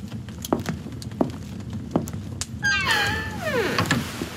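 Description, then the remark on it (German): A few soft, evenly spaced knocks are followed by Count Dracula closing a creaking door, a long, drawn-out hinge squeal that slides downward in pitch. The creak is clear, with no voices. “Mit einem durchdringenden Blick und einem nicht zu deutenden Lächeln schloss Graf Dracula die Tür.”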